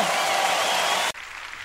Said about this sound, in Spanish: ¡Dale un aplauso fuerte!